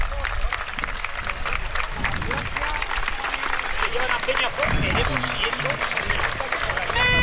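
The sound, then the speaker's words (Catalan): A large football stadium crowd at a Poblense promotion playoff match applauds steadily as an ambulance leaves the pitch, a dense wash of clapping mixed with cheering and murmuring that holds at an even, loud level throughout. “Ara parteix amb els aplaudiments.”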